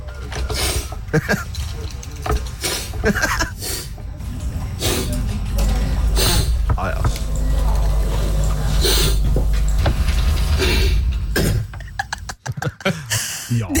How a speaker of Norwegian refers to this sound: men hør på det her sammensuri av snufsing. Altså, du har ikke lupa, du bare satt de etter hverandre, så det er ikke ett snufs du hører flere ganger. Nei, det er ikke ett snufs. Det er separate snufs.